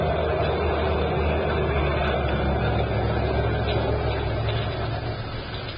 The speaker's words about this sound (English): Driver! That truck wants to get to the street. Come on, let's get out of the way.